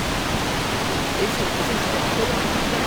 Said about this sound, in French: Alors si on va un peu plus loin, il y a un saut, une cascade, enfin une sorte de... Ouais. C'est super beau.